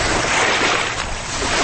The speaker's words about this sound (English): After a lengthy boat ride, we finally pull up to the mound's shore. It's windy. We get out of the boat to explore the Lemon Tree Mound.